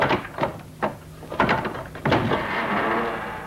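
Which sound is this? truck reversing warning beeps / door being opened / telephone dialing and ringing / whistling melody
door being opened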